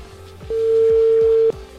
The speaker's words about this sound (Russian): Уже я набираю первый номер телефона. Заявок огромное количество, но, возможно, повезет именно вам. Давайте смотреть. Поехали, у нас гудки.